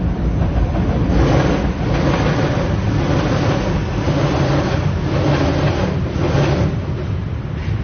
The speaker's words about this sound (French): Il y a cette scansion de la bête qui arrive, le métro qui part, repart